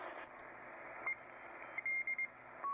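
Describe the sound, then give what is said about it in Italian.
Short, garbled Morse-like tones chirp in irregular bursts over a steady hiss of radio static, sounding smeared and breathy rather than crisp, ending in a slightly longer held tone. A signal near 6500 on a radio receiver tuned in AM mode instead of sideband. “Sembra un codice Morse strano, soffiato. Perché? Perché siamo in AM, dobbiamo andare sulla banda laterale.”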